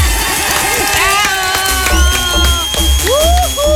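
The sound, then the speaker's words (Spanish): A crowd applauds with a dense, steady clatter of clapping, mixed with cheering and rising, whistle-like voice glides throughout. “¡Aplauso para mi mami Briselida!”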